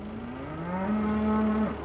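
A cow gives one long, drawn-out moo, a low droning bellow that swells in loudness and holds steady before breaking off abruptly. No one speaks.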